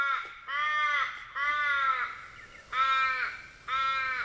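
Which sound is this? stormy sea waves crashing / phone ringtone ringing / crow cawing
crow cawing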